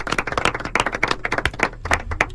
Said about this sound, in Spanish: Pues un aplauso que se me va a currar, ¿eh? Por favor.